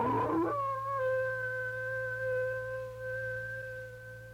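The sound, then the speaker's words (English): An old wolf outdoors lets out a long, steady howl that holds one sustained pitch for several seconds, fairly loud and clear, with a low constant hum underneath and no one speaking. “Bill, listen to that old wolf out there. Sure sounds like a big one.”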